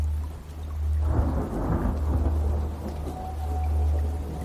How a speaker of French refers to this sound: Des grosses gouttes de pluie commencent à tomber après un accablant jour torride et sans air.